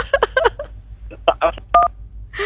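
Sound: telephone keypad dialing tones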